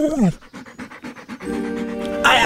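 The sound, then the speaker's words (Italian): A dog named Gaetano pants in quick, rhythmic breaths, bracketed by a short vocal yelp at the start and a sustained, whining tone toward the end. “Ma pensa a te se sono in balia di una deficiente e di un cane assassino.”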